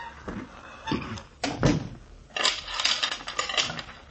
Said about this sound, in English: Come on back in and shut the door.